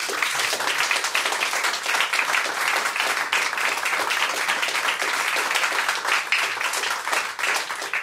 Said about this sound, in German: Bitte um einen herzlichen Applaus für das Mivos-Quartett.